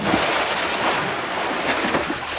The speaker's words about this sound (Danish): Er det isterninger ned i en meget, meget stor kold drink? Nej, og det er heller ikke mig, der skyller ud i toilettet. Nå, helt. Det er altså lyden af sådan en dukkert. Jeg tror, jeg skal ud og have en morgenfriske dukkert her i løbet af weekenden.